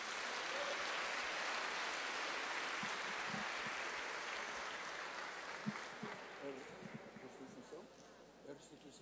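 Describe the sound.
Sustained applause from a church audience in Brazil, given in thanks to God: a dense, steady wash of clapping that gradually thins and fades, with some voices becoming audible toward the end.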